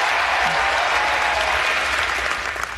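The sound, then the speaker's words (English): Steady, dense applause from a crowd, loud, sustained throughout the short stretch and easing slightly at the end. “Levine Heil Star people, that's your cue for applause”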